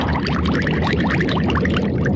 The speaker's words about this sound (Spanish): ¿O qué tal en las profundidades del mar?